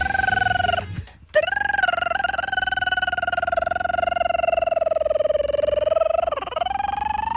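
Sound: telephone ringing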